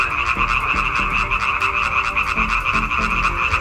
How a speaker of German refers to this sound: Das Weibchen wählt in der Regel das Männchen mit dem schönsten, lautesten und längsten Quaken. Forscher haben jetzt herausgefunden, dass Weibchen aber überfordert sind, wenn sie zu viele Frösche gleichzeitig hören.